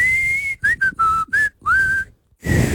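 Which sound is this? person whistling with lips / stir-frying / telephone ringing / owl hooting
person whistling with lips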